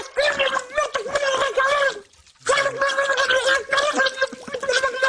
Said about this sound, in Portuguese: Olha, vou ter que ter umas asneiras debaixo d'água se não arrebento. Está bem. … mete a cabeça debaixo de água. Pragueja como um estivador a ver a final da taça.